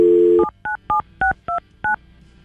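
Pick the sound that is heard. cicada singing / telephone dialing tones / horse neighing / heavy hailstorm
telephone dialing tones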